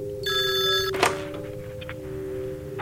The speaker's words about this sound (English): Oh, the phone appears to be ringing.